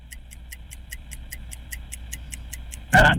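A game timer ticks steadily and quickly in a word game, about a dozen crisp even clicks over a low hum, then a loud buzzer-like blast cuts in at the very end as the clock runs out on a player's turn.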